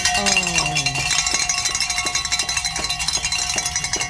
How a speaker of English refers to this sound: With that annunciation, I keep saying that, we have met our goal. So let's ring the bells.